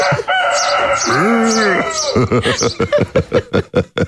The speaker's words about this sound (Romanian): Asta e cocoșul despre care vorbeam ieri în ședință. Da. Am plecat la munte, oameni buni, ca să scap. E cocoș de munte.